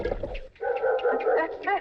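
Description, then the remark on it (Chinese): A dog named Ahuang (阿黄) whimpers and yelps in quick, strained bursts, fairly loud, with a brief pause before a longer stretch of whining cries. “每见小虎，阿黄必扑叫不停”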